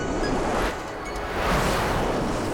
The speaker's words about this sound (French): Mais lorsqu'ils arrivent au-dessus de la mer, le vent souffle de plus en plus fort.